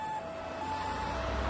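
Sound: ambulance siren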